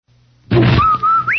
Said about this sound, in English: Danny, did you hear that whistle? Sure did, Amos. That whistle means Rinso White, Rinso Bright, Rinso New.